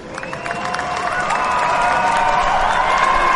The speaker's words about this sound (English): Exactly, and it's time to celebrate. Guys, a big round of applause. Congratulations.